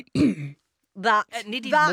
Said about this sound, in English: It was just clearing my throat. You didn't need to tell everyone. No, but it wasn't clearing your throat like a normal clearing throat thing. It was very loud and very... Wait a minute. What's a normal clearing the throat thing?